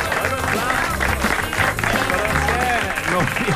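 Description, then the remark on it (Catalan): An audience applauds steadily for a few seconds, a dense, even wash of clapping with voices talking and calling out over it throughout. “Un aplaudiment, és que ningú havia comptat mai.”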